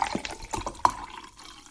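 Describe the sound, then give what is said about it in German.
Water is poured into a drinking glass, a steady splashing trickle with a few bright clinks and gurgles over under two seconds, no voices. “Und ich habe auf jeden Fall noch mehr Durst.”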